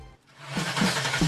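A car engine turns over and quickly revs up, its roar building and growing louder over about a second, with no voices present.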